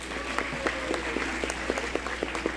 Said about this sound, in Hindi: बड़े सम्मान के साथ मैं मंच पर आमंत्रित करता हूं जोरदार तालियों के साथ श्री सुधीर नारायण जी।